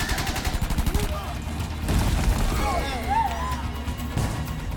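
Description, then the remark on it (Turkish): Rapid bursts of gunfire crackle through a steady, heavy roar like an explosion's rumble, loud throughout, with raised voices shouting faintly underneath. “Neydi o? Patlama gibiydi.”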